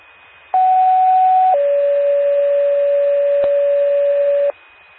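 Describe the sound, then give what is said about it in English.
Two-tone fire department radio page for Medora Fire and Medora Ambulance, a test of the Macoupin County 911 paging system: a steady mid-pitched tone holds for about a second, then drops to a slightly lower tone that sustains for roughly three seconds, loud against faint background hiss. “This is a test of the Macoupin County 911 paging system.”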